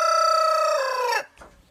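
A rooster crows once, loud: a bright, sustained call with a strained edge that drops in pitch at the end, followed by a brief faint scrape and quiet.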